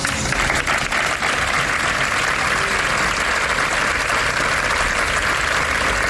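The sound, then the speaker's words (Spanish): A crowd at a vigil held at noon at the gates of the San Juan de Dios care centre in Málaga applauds to end the gathering. A dense, even wash of many hands clapping continues without pause, with no voices rising above it. “Con este aplauso concluye esa concentración, a la que ha asistido, por cierto, el subdelegado del Gobierno en la provincia junto a otras autoridades.”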